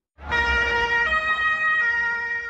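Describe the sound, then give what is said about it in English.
A loud police siren blares in shifting tones, its pitch stepping between notes, over a low engine rumble as police vehicles rush past partygoers at Berlin's Pride event near the Brandenburg Gate, moments after a car ploughed into the crowd. No one speaks. “Police rushing past partygoers moments after a car ploughed into a crowd at Berlin's Pride event close to the Brandenburg Gate.”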